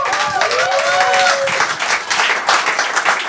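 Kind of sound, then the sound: crowd, audience applause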